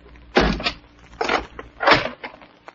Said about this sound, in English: Twisting and turning, doubling on my tracks, I came at last to 48, Rue Saint-Augustin. The door opened to my knock,